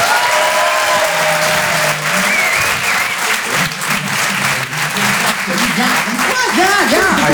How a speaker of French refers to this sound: Je vous demande d'applaudir très très fort, s'il vous plaît, les Glandeurs Nature.